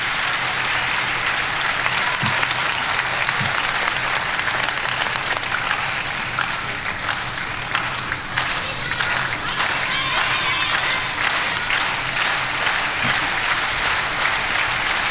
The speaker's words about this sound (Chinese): 现场的观众还是很懂球的啊，知道这个时候来到了第三局关键的比分段，也通过密集的快节奏的掌声来烘托氛围。